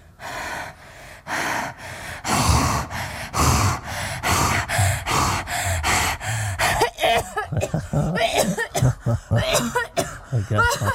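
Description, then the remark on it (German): A rapid series of harsh, loud coughs from a young woman whose lungs a spa doctor is listening to, with sharp gasping breaths between them, continuing for several seconds in a choppy, irregular rhythm. “Nur mit Ihrem Husten, da müssten wir mal was unternehmen.”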